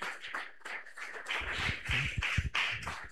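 A church audience claps steadily to welcome a preacher, many hands producing a dense, continuous patter of applause that swells louder and fuller after the first second, with some heavier low thumps mixed in.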